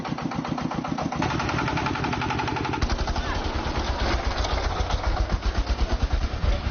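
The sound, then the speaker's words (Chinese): Loud diesel engines of four tractors loaded with hay set off on the road after dark, chugging with a rapid, pulsing knock, one engine giving way to another deeper, heavier thumping rhythm partway through, continuous throughout. “天彻底黑了下来，4台拖拉机开始上路。”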